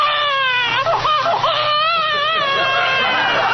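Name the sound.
babies crying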